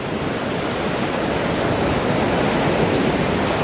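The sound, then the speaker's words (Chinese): A steady, loud roar of ocean surf washes along the shore, a dense continuous wash with no distinct individual crashes and no voices. “虎鲸首领利用一团被冲到岸边的海藻充当南海狮幼崽，让虎鲸学徒逐渐学习适应海浪的节奏。”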